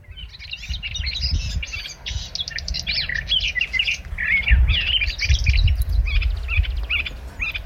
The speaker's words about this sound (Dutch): die hoorde 's morgens vroeg in de Schorrelse duinen de tuinfluiter onafgebroken zingen.